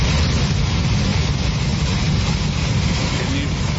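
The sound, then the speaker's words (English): Water gushing forcefully from a burst water main outside a house, spouting up like a geyser, a loud, steady roar with a heavy low rumble and hissing spray that holds constant without a break. “I assume it is a burst water main.”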